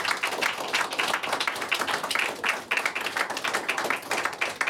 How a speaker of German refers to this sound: Vielen lieben Dank. Applaus.